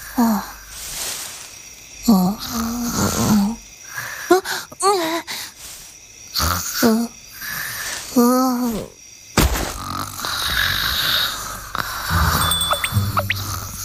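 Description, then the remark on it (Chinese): Exaggerated, cartoonish snoring: a series of loud, groaning breaths and wheezy whistles repeating, followed by a noisier stretch of rustling background sound. “这都能睡着？”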